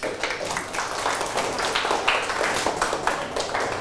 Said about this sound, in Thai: เอาปรบมือให้ตนเอง